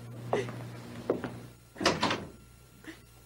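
A door is handled and pushed shut, a series of short wooden knocks and rattles building to a louder double thud, then a faint final tap over a steady low hum.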